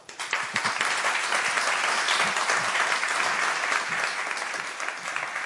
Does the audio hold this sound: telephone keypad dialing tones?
no